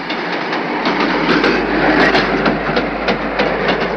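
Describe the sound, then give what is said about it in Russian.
Train wheels clatter over rail joints in a steady, rhythmic clickety-clack beneath a loud, continuous rumble as the train moves off again after a short station stop, gradually picking up speed, with no voices. “Потом снова затараторили колеса, постепенно учащая бег.”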